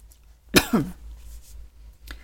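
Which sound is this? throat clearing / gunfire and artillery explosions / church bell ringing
throat clearing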